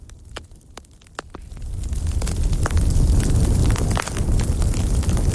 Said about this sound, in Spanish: Nos cortaba la comunicación con Uxía, pero nos queda esta chimenea tan sugerente.